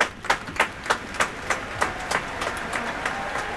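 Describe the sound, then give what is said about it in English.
A concert hall audience applauds as soloist Yuja Wong and the conductor take the stage: a dense wash of clapping with sharp, evenly spaced claps standing out at first, then softening into steady, continuous applause with no voices. “When you said star power at a 10 tonight, oof, the audience response will definitely confirm that.”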